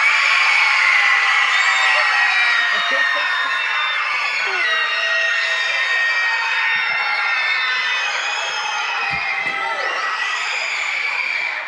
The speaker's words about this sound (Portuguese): A Escola Ivan Nácio Zurita! E a Escola Maria Terezinha! E agora, para tremer a TV de quem tá em casa, um grito geral!